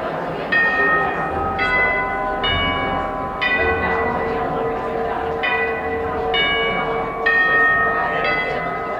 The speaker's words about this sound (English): When the chimes ring in the lobby of Heinz Hall, concertgoers pretty much know what to expect.